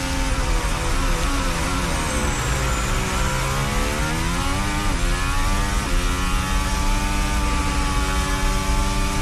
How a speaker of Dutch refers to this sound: Dit is het onboordgeluid vanaf de RB22 in handen van Verstappen.